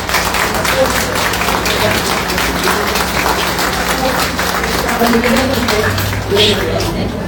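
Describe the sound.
An audience applauds steadily for the full seven seconds, a dense, even wash of many hands clapping at once, with faint crowd voices mixed underneath.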